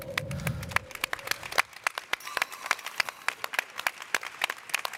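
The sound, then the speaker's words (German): An audience applauds steadily for several seconds after a performance, the individual claps distinct and crisp, suggesting a modest crowd; a low rumble and faint tone fade out during the first second or so. “Und natürlich auch einen großen Applaus für dich”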